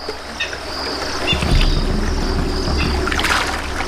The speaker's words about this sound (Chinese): 猛雕会利用小溪清洗羽毛，去除讨厌的雨湿。